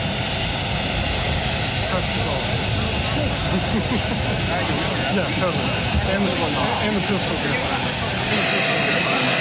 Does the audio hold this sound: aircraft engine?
yes